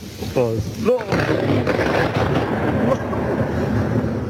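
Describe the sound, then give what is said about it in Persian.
A loud thunderclap from a lightning strike in Herat province, Afghanistan, bursts out, then rolls into a deep, sustained rumble that fills the whole recording. A brief voice rises near the start. “صدای هیبتناک سائقه در ولایت هرات.”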